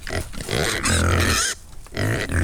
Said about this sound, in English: he has been out and about paying a visit to a rare breed of curly pigs in Tempo outside Enniskillen.